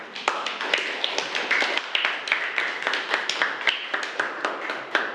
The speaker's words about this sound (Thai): ค่ะขอเสียงปรบมือให้กับกลุ่มที่4ด้วยค่ะ